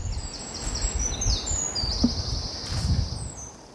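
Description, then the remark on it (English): Several birds sing at once in the morning woods, overlapping high whistled phrases and trills that rise and fall and echo between the trees, over a low, steady rustle of outdoor background noise. “I cannot identify any of the songs that rise and fall in the morning woods.”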